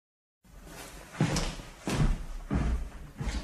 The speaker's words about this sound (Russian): Капитан идет за ним следом и прикрывает дверь.